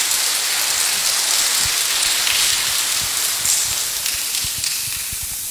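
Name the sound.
round of applause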